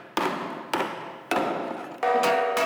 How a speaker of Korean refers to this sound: 망치질을 해가면서 이제 그 떨림을 조정해가지고서 우리가 이제 고유 징소리를 찾아나가서 이게 나에 맞는 징후인다 이제 찾아나가면서 계속 하는 거예요.